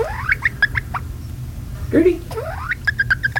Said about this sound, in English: She makes these little peeping sounds.